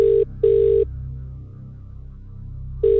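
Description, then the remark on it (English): A telephone ringing tone on an outgoing live call to a prize winner: a steady electronic double ring, two quick bursts followed by a pause before the next ring begins. Clear and fairly loud, with no talking. “We're going to call someone live now and give them the great news.”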